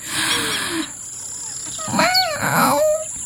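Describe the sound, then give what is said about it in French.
A young lion, trying to roar at sunrise, draws a long, breathy inhale, then lets out two short, strained roars in quick succession, moderately loud, more a croaky growl than a full roar. “Dans le soleil qui se lève, il respire un bon coup et tente un rugissement.”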